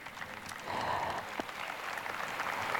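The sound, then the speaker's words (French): A large crowd of pilgrims applauds in a dense, steady wash of clapping that swells after a moment and keeps up at an even loudness, with no talk over it. “Voilà les applaudissements des pèlerins.”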